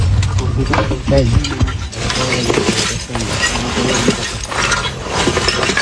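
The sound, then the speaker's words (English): Rescuers shift broken rubble of a collapsed house around a trapped puppy, loud continuous scraping and clattering with clinks and crunches, while several voices talk over the noise throughout. “You can hear them moving the rubble around the dog's body.”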